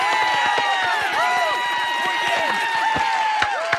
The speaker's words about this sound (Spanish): Revisemos el aplausómetro. ¡Oh, muy bien!